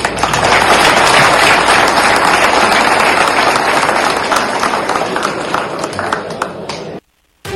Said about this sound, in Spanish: Pues ya escuchamos que hasta los aplausos arrancó de los usuarios que estaban ahí presentes en esta Asamblea General Ordinaria de Módulo Taxes